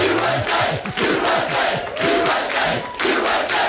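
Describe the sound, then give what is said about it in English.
A big crowd chants "USA" in a loud, steady roar, rhythmic shouted voices rising over a dense wall of cheering that keeps going the whole time. “I have not heard one rousing, really good USA-like chant yet for their teams.”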